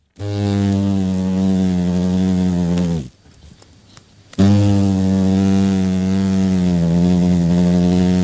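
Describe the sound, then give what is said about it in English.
Loud buzzing of big adult hornets in flight, a steady low droning hum that drops out for about a second midway and then resumes just as strongly. No one speaks. “But once on the wing as adults, these big hornets get a lot hungrier and the sound is more ominous for us and the New Zealand economy.”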